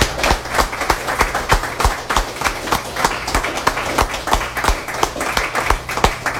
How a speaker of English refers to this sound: You, all of you and all the people that even left are the ones that make this the wonderful reading series that it is. So give yourselves and everybody else another hand.